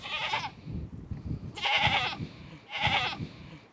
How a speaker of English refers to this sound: Look at the goats. Yeah. There's lots of good sounds on the farm. Mm-hmm. Oh, there. Yeah. The goat's bleating. Yeah. Just look very, yeah. They're happy. Yeah.